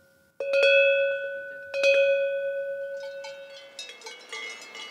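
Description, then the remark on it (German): A traditional hand-hammered metal cowbell clanks loudly twice with ringing tones, then keeps jingling in quicker, overlapping strokes with a bright, metallic shimmer, no voices present. “Jede Herde im Alentejo, wenn sie denn noch traditionelle Kuhglocken hat, bimmelt anders.”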